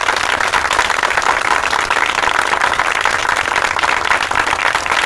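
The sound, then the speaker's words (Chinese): A crowd applauds steadily for about five seconds to welcome the commander announcing appointments at a military district meeting, a dense, even wash of many hands clapping at once, fairly loud and unbroken, with no voices heard. “掌声欢迎。”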